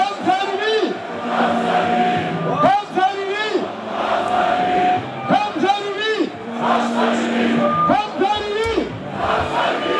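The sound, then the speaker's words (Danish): A packed crowd of AGF football fans celebrates AGF's win at Buskaden in Aarhus, with dense overlapping cheering, chanting and shouting, plus sustained whoops and rising yells throughout, forming a continuous roar without any clear speech. “Ja, Buskaden i Aarhus var fyldt til bristepunktet, da det stod klart, at AGF altså løb med sejren fra en altan, der havde en DJ klædt i guldjakke.”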